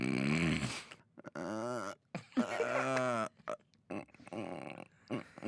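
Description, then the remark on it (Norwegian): A person loudly imitates snoring with their voice, making rough, rattling snorts on both the in-breath and the out-breath, several buzzing cycles in a row. “Jeg snorker på innpust og på utpust.”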